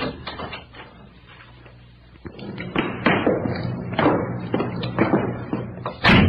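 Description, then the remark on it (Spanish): A series of heavy footsteps thuds, growing louder before coming to a halt by a door, ending with a sharp knock or bang against it. “Parece que se detuvieron unos pasos junto a la puerta.”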